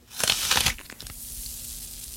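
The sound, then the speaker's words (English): A crisp bite into a Red Delicious apple gives a sharp burst of crunching and tearing, followed by faint, fizzy crackles of the water and sugar snapping inside the apple, which fade into a soft hiss. “Now, why don't you bite into me and then listen very carefully to the water and the sugar snapping and cracking inside of me.”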